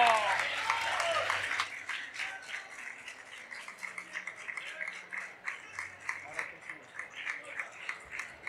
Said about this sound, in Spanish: Este era nuestro primer luchador de esta mañana tan entrañable que estamos pasando aquí hoy en esta fanzón del Sporting de Gijón. Pido un aplauso enorme